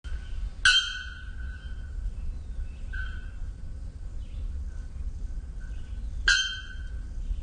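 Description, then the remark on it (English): Bare-throated bellbird song: two loud, abrupt metallic bonk notes ringing out about five seconds apart, with a softer call in between and another bird faintly in the background over low rumble. “So this is the bare-throated bellbird song.”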